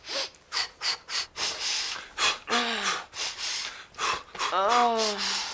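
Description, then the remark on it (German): A woman breathes heavily and rhythmically, a series of forceful in-and-out breaths with a couple of short voiced gasps or groans near the end. “Menschenskind, schnaufe. 2x ein, 3x aus.”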